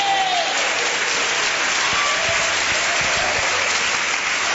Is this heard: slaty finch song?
no